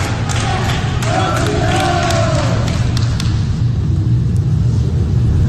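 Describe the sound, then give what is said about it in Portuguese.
About 30 hospital staff at Hospital Samaritano Barra in Rio de Janeiro applaud and cheer a patient leaving in a wheelchair, scattered claps cutting through a steady wash of voices and low rumble, with one voice rising in a drawn-out shout. “Na saída, Parreira foi aplaudido pelos funcionários do hospital.”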